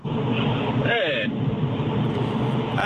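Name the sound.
car interior road noise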